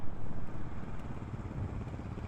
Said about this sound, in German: Könnt ihr den mal bitte rausziehen? Wir kontrollieren den dann. Eine Geländemaschine.